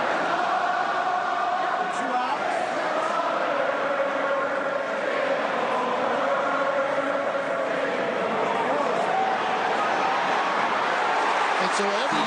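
A large ballpark crowd chants together as Chase DeLauder comes to bat, a steady, continuous roar of many voices, loud and sustained throughout with no break, as if the whole ballpark is joining in at once.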